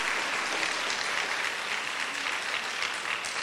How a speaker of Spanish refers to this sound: Dele un aplauso al Señor por su palabra, por lo que nos está hablando.